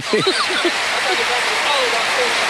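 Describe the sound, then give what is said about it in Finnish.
A large arena crowd stands and applauds in a steady, dense roar of clapping and cheering that holds level throughout, as Tampere waves for more noise at the opening tip-off. A man's voice briefly rises over it at the start. “2-3-2 Tampere avaushyppy ja yleisö seisoo, yleisö taputtaa ja Tampere viittoo kun lintu siivillään, että nyt sitä ääntä lisää.”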